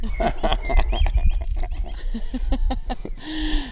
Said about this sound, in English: These are not robot blackbirds, are they? No, these are real regular blackbirds. Can you hear that one? I think everyone can hear that. Yeah. Yeah, it's amazing, it's isn't it?